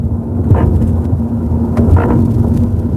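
Steady low road rumble from inside a moving car, broken by a dull thump and then a doubled clunk a moment later as the tyres roll over a bridge expansion joint. No voices.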